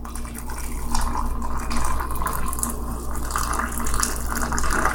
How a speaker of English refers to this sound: Ah, it's splashing hot water all over me. Alright, that's good.